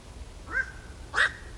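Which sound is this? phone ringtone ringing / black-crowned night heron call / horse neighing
black-crowned night heron call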